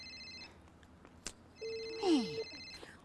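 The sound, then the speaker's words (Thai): A phone rings with a bright electronic ringtone, steady high-pitched tones in two bursts separated by a short gap, with a brief descending chirp mixed in near the end; no one speaks. “ไหนอ่ะเห็นมีใครโทรมาเลยไหนดูสิโอ้โห”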